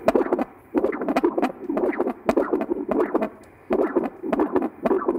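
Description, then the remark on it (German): Doppler ultrasound of a dog's heartbeat, showing blood flow in the pulmonary artery into the lungs: rhythmic, pulsing whooshes repeating steadily, about one every two-thirds of a second, with a soft static hiss between beats and no voices. “Ist das ein entspannter Herzschlag?”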